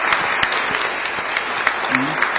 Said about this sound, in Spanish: Los catequistas están aquí. Un aplauso. Un aplauso para todos los catequistas.